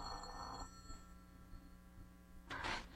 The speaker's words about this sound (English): I said answer the phone. Answer the phone.